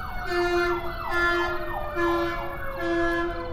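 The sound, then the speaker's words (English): An emergency vehicle siren wails as it passes by, in repeating rising-and-falling cycles, loud and steady across the whole stretch with faint background noise beneath and no voices. “There's certainly no uniformity in their thought processes as the siren goes by.”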